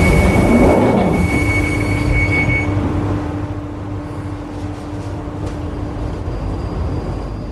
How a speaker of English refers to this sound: This is the Northern Line train terminating at Morden.